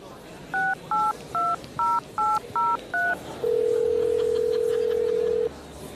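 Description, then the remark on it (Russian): Seven quick touch-tone beeps as a phone number is keyed in to call a grandfather, evenly spaced at varied pitches, followed by a steady, louder ringback tone lasting about two seconds. “Придется рассекретиться и позвонить деду.”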